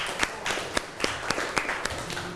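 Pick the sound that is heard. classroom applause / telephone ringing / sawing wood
classroom applause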